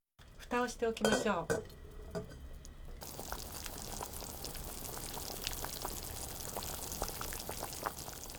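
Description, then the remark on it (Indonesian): A metal lid clanks and rattles onto a pot of chicken broth in a short burst of ringing clatter. A steady, soft crackling simmer over low heat follows and continues to the end. “Kemudian tutup panci dan panaskan di atas api kecil selama 20 menit.”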